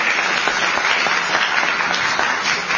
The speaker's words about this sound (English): And she deserves a round of applause for a day like today.